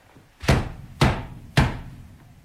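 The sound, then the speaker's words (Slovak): Three heavy, evenly spaced knocks on the wooden door of a house, each a loud thump with a short resonant decay, with no one speaking. “Ty si mocný. Zabúchaj na dvere.”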